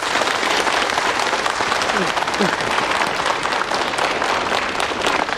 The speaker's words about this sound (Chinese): 现在呢，就让我们用最热烈的掌声欢迎